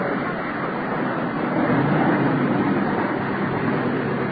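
A car pulling away, heard as a steady, fairly loud engine rumble with a hiss of road noise that swells slightly midway through, with no voices over it.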